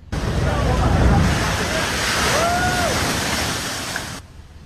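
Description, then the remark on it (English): Massive ocean waves, driven by the powerful winds of Hurricane Marie passing far offshore, crash ashore on the Long Beach Peninsula in a loud, continuous roar of surf that fills the whole recording, with a brief high whistle-like tone briefly rising above it midway. “Massive waves crashed into the Long Beach Peninsula, driven by her powerful winds.”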